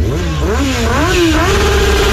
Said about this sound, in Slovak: Tento zvuk je známy z našich ciest, na ktorých sa pohybujú tisíce motorkárov.